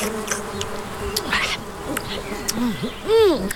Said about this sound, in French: Ça y est, notre mouche est posée sur la bouse d'une grosse vache normande.